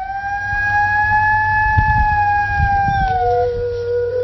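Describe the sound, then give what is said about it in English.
A sustained, mournful gray wolf howl holds a steady pitch for several seconds, then dips lower near the end, with faint rumbling background noise beneath it and no talking. “This is the howl of a gray wolf.”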